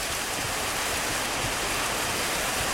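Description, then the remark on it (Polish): Rain drums steadily on a car roof, a dense, continuous patter of many drops with no pauses. It is fairly loud, with no voices. “Rain on the roof. Zaznaczone, krople bębniące w dach samochodu, zdaje się.”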